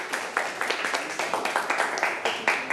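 A small group claps steadily for a few seconds, a dense patter of sharp, bright hand claps at fairly even volume with no voices over it.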